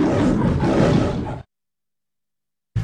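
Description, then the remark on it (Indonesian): A lion's deep, rumbling roar fills the first second and a half, loud, then cuts to silence before a brief burst returns at the very end. “Hari Singa Sedunia disambut pada setiap 10 Ogos bagi meningkatkan kesedaran untuk melindungi singa dan habitatnya yang semakin terancam. Akulah Raja Rimba! Lindungi singa sebelum hanya tinggal cerita.”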